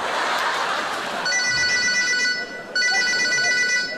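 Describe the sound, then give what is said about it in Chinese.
A telephone rings as a customer calls a cooked-food shop owner to complain, with a bright electronic tone, two sustained bursts separated by a brief pause, loud over a steady background hiss, with no one talking. “你赶紧让你店长给我接电话。”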